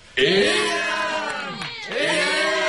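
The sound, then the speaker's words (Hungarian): A crowd of voices shouts 'éljen' (hurrah) and cheers loudly and continuously while joyfully lifting and carrying people out, with a brief dip before the joyful roar swells again, many overlapping pitches rising and falling together. “A többiek éjjent kiáltoznak nekik, és nagy örömmel felemelvén kiviszik őket.”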